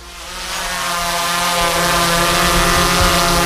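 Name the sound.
drone flying overhead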